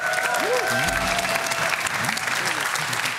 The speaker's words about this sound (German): Hier, großer Applaus.